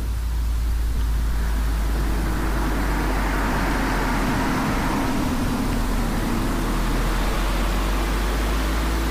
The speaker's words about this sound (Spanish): Tráfico que pasa a la altura de la entrada del pueblo de Corres, término municipal de Arraia Maestu.